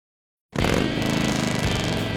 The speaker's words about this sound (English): There's nothing like the sound of a Harley and the feel of the open road, and knowing the bike beneath you is yours.